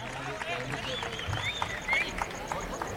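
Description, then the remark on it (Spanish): Horse hooves clip-clop in a steady, even rhythm as the mounted riders and the picador leave toward the cuadrillas gate of a bullring in Aguascalientes, Mexico, over a busy murmur of a large crowd giving a warm ovation, with voices talking in the background. “Ahora sí, los de a caballo empiezan a despedirse, y desde luego el picador, pues en lo que van dando hacia la puerta de cuadrillas, pues está recibiendo la cálida ovación por parte de la afición hidrocálida que se ha dado cita a la Plaza de Toros”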